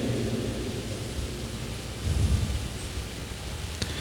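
Steady rain hisses across the whole span while low, distant thunder rumbles underneath, swelling briefly about halfway through. No one speaks.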